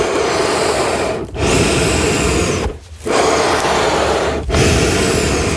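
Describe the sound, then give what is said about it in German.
Accordion bellows pushing air without any notes: a loud, steady, breathy rush, broken by three brief dips as the bellows reverse direction. No one speaks. “Okay, kannst du es einmal für uns atmen lassen?”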